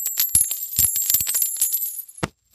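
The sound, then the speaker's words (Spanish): Metal coins offered to Judas as payment clatter and jingle together in a rapid series of bright clinks, with a ringing shimmer that lingers before a brief pause and one last small clink at the end. “No, señor, no quiero sus monedas.”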